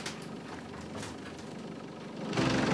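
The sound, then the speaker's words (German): The engine of a restored vintage 1926 bus, used for rides through the Burgtal, idles with a steady low rumble and faint ticking, then grows noticeably louder and rougher near the end, as if revving up. No one speaks. “Das ist jetzt, glaube ich, meine Mitfahrgelegenheit für eine Weiterfahrt durchs Burgtal.”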